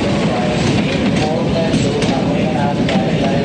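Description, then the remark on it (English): A steady, dense rumble of a train rolling along rails through snowy mountains toward a ski resort, loud and continuous, with faint rhythmic clatter and scattered clicks over the low roar. “A train travels through snowy mountains.”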